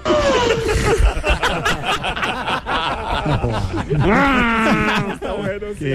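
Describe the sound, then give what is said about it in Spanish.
A person mimics a sheep's bleat as the punchline of a joke, with a wavering, quavering, fairly loud voice, mixed with snickering laughter and voices throughout. “Ma, ¿cómo hacen las ovejas?”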